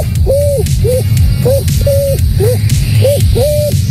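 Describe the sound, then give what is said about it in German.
A 12-year-old boy mimics a pigeon's cooing with a series of short, rounded hoots in a steady rhythm, each call clear over a constant low background rumble. “Dann die Taube.”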